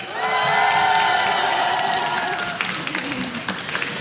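A crowd bursts into loud, sustained applause with high cheering and whoops layered on top, the shouts fading after a couple of seconds while dense clapping continues steadily to the end.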